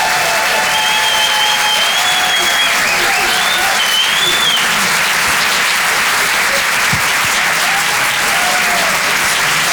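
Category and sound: crowd, audience applause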